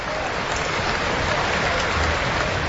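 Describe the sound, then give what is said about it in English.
A steady wash of applause from the players and a large crowd as both teams line up in front, dense and continuous clapping blending into an even, hissing roar at a fairly constant level throughout. “And the applause from the players is mirrored by the crowd.”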